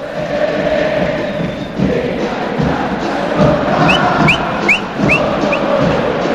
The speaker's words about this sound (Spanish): Y claro, el grito del público de River.